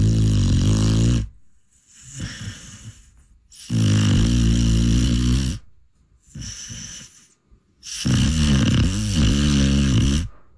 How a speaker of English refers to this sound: We're playing Who's Snoring? Let's listen again.